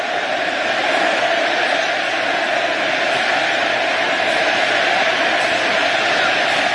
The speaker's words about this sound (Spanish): Infantino lo aplaude, el argentino lo ovaciona, te amamos Lionel, te amamos Messi, te amamos.